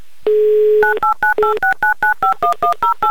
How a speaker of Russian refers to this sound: Вот так вот мы набираем быстро номер телефона